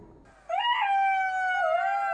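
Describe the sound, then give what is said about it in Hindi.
A jackal, full after eating watermelons in a watermelon field, lets out a single long, loud "hua hua" howl that swoops upward and then holds a steady, wavering pitch, heard alone after a brief quiet moment. “जब सियार का पेट भर गया तो वह खुश होकर हुआ हुआ की आवाज निकालने की कोशिश करने लगा।”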